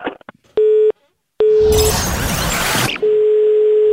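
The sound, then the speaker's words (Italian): A telephone busy tone after a hang-up sounds in steady, fairly loud pulses, briefly drowned out by a rough burst of crackling line noise before the flat tone returns and holds. “Tu hai messo giù il telefono.”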